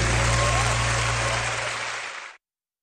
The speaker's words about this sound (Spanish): Un aplauso para Daniel.